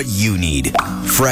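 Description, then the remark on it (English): A single drop of drinking water plops once, a quick bright rising blip that sits under a man's voice speaking steadily. “That's the sound of what everyone needs.”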